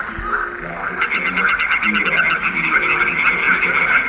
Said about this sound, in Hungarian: Megnézzük a kecskebékát.